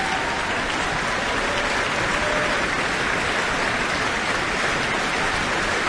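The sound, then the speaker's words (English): A concert audience applauds steadily, calling pianist Sophia Liu back to the stage after her encore following Beethoven's Piano Concerto No. 4 with the Auckland Philharmonia. A dense, even patter of many hands clapping at a constant loudness throughout, with no voices or music over it. “Further applause, and she's back on the stage.”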